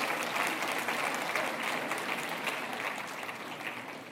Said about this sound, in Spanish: Ahora sí aplauden, ¿verdad?